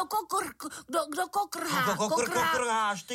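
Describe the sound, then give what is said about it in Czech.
A voice speaks a few quick syllables, then breaks into a long, loud, wavering, strained imitation of a rooster crowing, held for over a second. “Kokrhá, kohout kokrhá, ano, je to kohoutek.”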